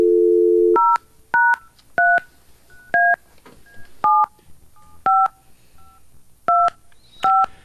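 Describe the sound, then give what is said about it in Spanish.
A steady dial tone gives way to a quick run of about ten touch-tone beeps as someone dials a telephone to call a radio listener. Each beep is a short two-pitch chirp, keyed at an uneven pace with faint hiss between presses. “Intentamos llamarlo.”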